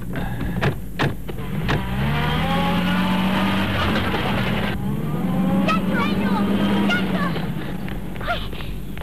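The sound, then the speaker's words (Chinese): Engines rev loudly and continuously, pitch rising and falling as three people on a motorcycle race in pursuit of the criminals' car, with brief sharp clatters and faint voices mixed in. “骑着摩托车的夹克衫，三人一起紧追罪犯的小轿车。”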